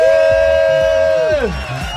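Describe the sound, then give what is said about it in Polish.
A loud, sustained roar of a large audience in a hall cheering and making noise, with one prominent drawn-out shout that drops in pitch near the end as the noise fades slightly. “Jesteśmy, zróbcie hałas teraz”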